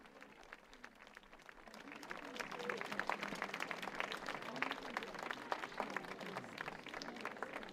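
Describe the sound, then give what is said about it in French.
A crowd of the faithful applauds Pope Leo XIV as he advances before the grotto, dense overlapping claps building after the first couple of seconds and holding at a fairly loud, even level, with murmuring voices underneath. “Voilà qui s'avance sous les applaudissements donc de ses fidèles devant la grotte.”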